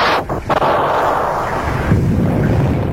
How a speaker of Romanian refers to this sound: Tune și fulgere, chiar acum în plină vară